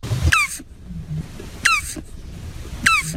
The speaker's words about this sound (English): giving us the sound of a turtle, so maybe we can find out the difference between the two just based on the sound effect. Here is the turtle. Oh. Really? That sounds like my cat.